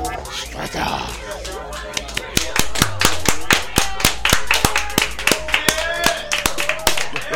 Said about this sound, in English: You got to avoid clapping right into the mic. Oh yeah, that was really loud. I'm a mic clapper.